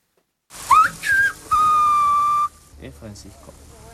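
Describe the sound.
A loud whistle in three linked parts, a quick rising chirp, a short tone, then a long steady held note: the name Francisco whistled in a whistled language that reproduces Castilian Spanish phonemes, followed by quiet talking.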